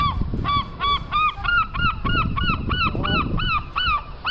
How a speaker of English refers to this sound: It's known for lovely pebbled beaches, grand Victorian pleasure piers, and seagulls. Producer Hayley, can we add some seagull sounds in post?